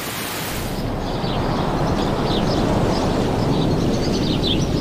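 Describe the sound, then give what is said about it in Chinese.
Steady rain hisses evenly throughout, a dense, unbroken wash of sound, with a few faint high bird chirps flickering through it in the second half. “即使下雨，白冠青鸟也会轮流外出觅食。”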